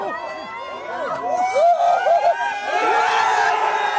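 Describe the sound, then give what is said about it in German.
A crowd of a few dozen Belgian football fans at a night-time public viewing near the cathedral in central Brussels erupts in cheers of relief after the 1:0 goal in the 9th minute, many voices shouting and whooping together, loud and sustained, swelling slightly toward the end. “Jubel der Erleichterung.”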